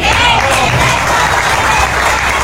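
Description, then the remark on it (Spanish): A crowd applauds with steady, dense hand clapping, loud, with a faint murmur of voices underneath. The clapping continues evenly throughout without a break. “Pero por la justicia divina, les aplaudo lo que están haciendo.”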